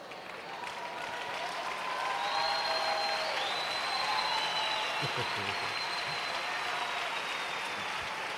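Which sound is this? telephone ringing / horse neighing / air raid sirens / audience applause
audience applause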